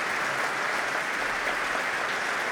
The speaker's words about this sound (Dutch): En Nathalie Stoetsman, die koos ervoor om dit concert ermee te beginnen. En hier klinkt het applaus voor de Franse dirigenten.